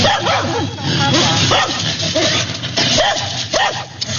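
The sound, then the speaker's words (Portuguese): Several abandoned, hungry dogs in an abandoned building bark and whimper continuously, with overlapping yips and whiny cries in a rough, uneven rhythm, fairly loud, as if a group is crowded together. “É, mandou a foto aqui, mandou vídeo também dos cachorros abandonados e com fome num prédio abandonado.”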